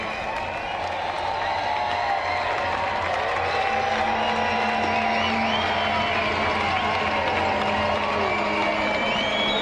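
The home crowd at a baseball game cheers steadily, a dense, continuous roar of many overlapping voices with scattered clapping and whoops that holds at an even, loud level throughout.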